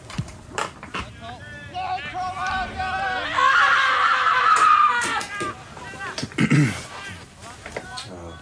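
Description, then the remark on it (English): A person lets out a loud, sustained, high-pitched scream lasting a couple of seconds, surrounded by shorter strained vocal bursts and breathy sounds. “The scream.”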